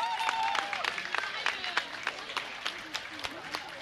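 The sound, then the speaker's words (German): Audience applause for the Little Dragons girls and their coaches, dense at first with voices calling out over it, then thinning into scattered, uneven claps that keep a steady moderate loudness to the end. “Nochmal einen großen Applaus für die Mädels und für die Trainerinnen.”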